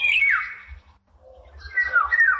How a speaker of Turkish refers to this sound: Bu programda kullandığımız kuş sesi kayıtlarından Sarasma'yı Cumhur Palas Kırklareli'yle ve Babil'i Ergün Cengiz Kars, Yalı Çapkını da Berkay Alagöz Bursa'da kaydetmişler.